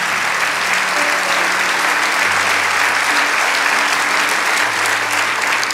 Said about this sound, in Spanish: Vamos, dale ese aplauso. ¡Aleluya!